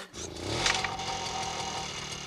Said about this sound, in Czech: Chytil! Běží! Uhněte cesty, koukněte si, jak mi to jde. Já jedu a řídím strojek, který seče trávu. To je nádhera.